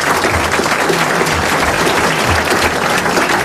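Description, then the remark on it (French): A studio audience applauds a contestant from Reims who has won 500 francs, a dense wash of clapping hands that stays loud and even for a few seconds with no voices over it. “a gagné 500 francs, la considération générale et vos applaudissements.”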